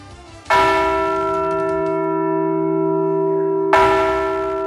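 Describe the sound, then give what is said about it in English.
North Dakota's Liberty Bell replica at the state's Heritage Center in Bismarck is struck twice by Governor Kelly Armstrong and State Historical Society Director Bill Peterson, about three seconds apart, each loud clang leaving a deep, sustained ringing hum that carries on between strikes. No voices are heard. “North Dakota Governor Kelly Armstrong and State Historical Society Director Bill Peterson rang North Dakota's Liberty Bell replica at the state's Heritage Center in Bismarck.”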